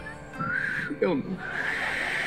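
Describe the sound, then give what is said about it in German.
Someone whistles a thin, wavering bird-like tune, a human imitation of birdsong, in short warbling phrases while exhaling during a breathing exercise, with some voice sounds mixed in. “Und ein Pfeifgeräusch.”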